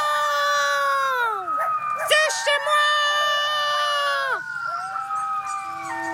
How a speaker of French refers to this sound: Les hurlements d'un coyote entraînent toujours ceux de ses voisins. Et deux coyotes qui hurlent ensemble peuvent donner l'impression d'un chœur de 12 voix.